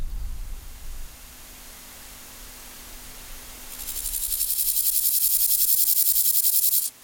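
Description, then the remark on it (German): Grasshoppers chirp at night on the Tempelhofer Feld in a dense, high-pitched pulsing drone that fades in after a few seconds of quiet low rumble and holds steady, fairly loud, until cutting off at the end. “Und nur noch das Zirpen der Heuschrecken wird die Luft hier erfüllen, wenn die Nacht über das Tempelhofer Feld hereinbricht.”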